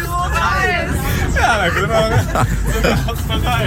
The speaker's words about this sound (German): Also wir sitzen nicht im Zug, der rollt, wir sitzen im Bus, der rollt. Es geht los Richtung Radiopreis.